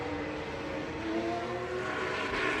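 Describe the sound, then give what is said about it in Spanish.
A dense, continuous roar of Formula 1 engines in Madrid, loud, with whining tones that shift slightly in pitch as the cars, among them an Alpine and an Audi, accelerate out of the pits in a line, swelling a little toward the end. “Y vienen todos los demás en trenecito.”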